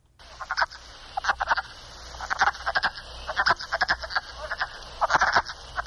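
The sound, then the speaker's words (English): A chorus of wood frogs calling in short, clucking, duck-like croaks, bursts overlapping in quick clusters over a steady background hiss, moderately loud with no talking. “The wood frog sounds kind of like it's quacking.”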